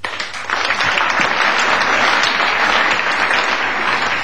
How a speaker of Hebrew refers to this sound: חברים, נתחיל במחיאות כפיים כולם כאיש אחד. שלוש, ארבע!